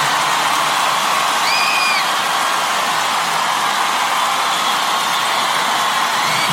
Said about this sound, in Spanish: Denle un aplauso fuerte a nuestro amigo